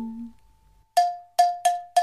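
Small bells, meant as swinging meadow bellflowers, tinkle four times in an uneven rhythm, each bright, clear strike ringing out and fading quickly, after a moment of near silence.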